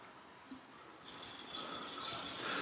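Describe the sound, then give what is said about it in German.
240 millilitres of boiling water is poured into a blender jar to make coconut cream, a steady splashing rush that builds and grows slightly louder over a couple of seconds, with no talking. “Das geben wir in den Mixer.”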